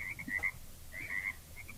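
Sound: frogs croaking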